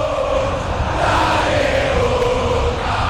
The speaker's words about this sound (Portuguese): ouça a torcida cita do Boca Juniors.